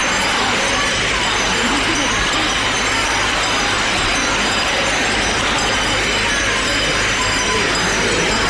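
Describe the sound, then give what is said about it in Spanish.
A dense, steady roar of the people of Lepe shouting vivas to the image of the Virgen de la Bella as it is turned to face them at the railings, many voices blending into one loud, unbroken wall of cheering that holds at the same level throughout. “Qué imagen más bonita, la están poniendo de frente, la están acercando al pueblo, a la parte de las rejas, y hay gente agarrada gritándole viva. Vamos a escuchar esos vivas.”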